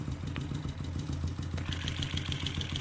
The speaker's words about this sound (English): Let's go back towards the front of the motorcycle. I was at the back. And see just what different parts of the engine sound like.